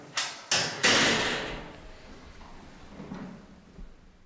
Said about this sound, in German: Da können wir die Tür hier zumachen.